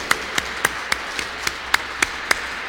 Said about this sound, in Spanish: Merecen un aplauso ustedes.